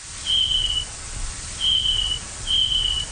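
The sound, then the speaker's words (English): Three high, thin chirping calls of an adult snapping turtle, each a steady tone lasting about half a second, separated by gaps, over a soft background hiss. No one speaks. “The first call is a kind of chirping sound. It almost sounds like a cricket.”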